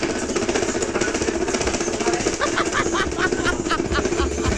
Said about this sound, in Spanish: Eso es lo que necesitas, un exorcismo, ese pobre ventilador. No, Dios mío, Virgen Santísima. Florecita. Parece una motosierra.